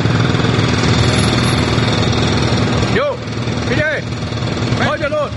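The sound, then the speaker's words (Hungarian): A loud, steady engine drone fills a construction site, with brief shouts of workers rising over it near the end. “a két szerző, … és … személyesíti meg az építkezésen dolgozókat, akiket egy ott felejtett mikrofon segítségével hallhatunk”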